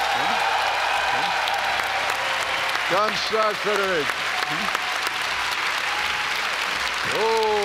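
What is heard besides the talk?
audience applause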